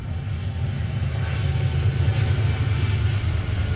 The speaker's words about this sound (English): Harvey was doing pretty well in his last start as well as that train goes by behind the ballpark.